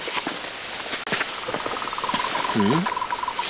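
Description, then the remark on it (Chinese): A Moltrecht's tree frog calls in a quick string of short, even notes over a steady high-pitched insect drone of a night chorus; a brief low voice-like sound surfaces midway. “因为这个声音如果没听错的话，它应该是末世树啊。 啊，末世树蛙哦。”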